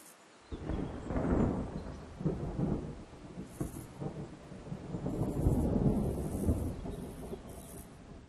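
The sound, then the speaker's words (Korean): Heavy autumn rain pours down steadily while deep thunder rumbles and rolls loudly through the storm, building in waves, with no voices, as a young buzzard endures the downpour. “가을에는 폭풍우가 빈번하고 날마다 기온이 떨어집니다. 새끼 말똥가리가 최선을 다해 쏟아지는 비를 견디고 있군요.”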